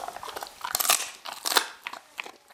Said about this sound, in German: Ein Stückerl Hühnerfuß gibt's für die Hündin, die dem Herrchen bis zur Hüfte reicht. Jetzt kriegst du deine Belohnung natürlich, wie man so brav auch ist. So brav ist, gibt's einen Hühnerfuß. Beißt du mal ab? Au. So langsam, ohne Finger.